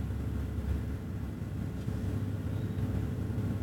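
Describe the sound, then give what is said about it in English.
A Vespa motor scooter engine drones steadily, a low rumbling hum that holds at an even, fairly loud level for a few seconds without fading, and no one speaks. “A Vespa? It's a scooter. It's like a moped.”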